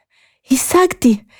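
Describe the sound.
A voice acts out being out of breath after running, a story character arriving breathless at the wise man's cave, with a couple of short, breathy, voiced huffs in quick succession, fairly loud, with quiet moments before and after.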